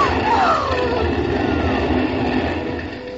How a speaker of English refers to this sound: And here comes the fire engine.